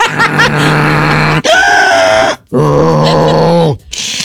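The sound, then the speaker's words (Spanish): A person imitates loud snoring with three long, rasping vocal drones, each shifting pitch like a truck grinding through gears, loud with brief pauses between. “Así cambia de lo más trail. Cambia de velocidad”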